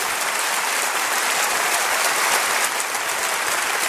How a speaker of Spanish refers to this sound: Denle un aplauso a Jesucristo, por favor.